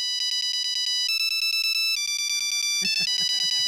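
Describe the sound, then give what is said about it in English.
A polyphonic ringtone plays a hit pop song from 2003: bright, synthetic beeping notes step between pitches over a steady pulsing beat, loud and alone, with busier chirpy accompaniment joining toward the end. “This is a hit song on the polyphonic ringtone, the sound of 2003.”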